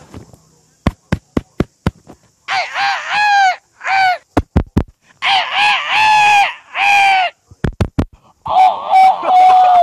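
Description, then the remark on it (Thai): A man imitates a bantam rooster crowing: quick sharp tongue clicks, then several loud, strained, warbling crow-like calls in close bursts, with more clicks between them. “เอาหมาแล้วกันไก่แจ้ไก่แจ”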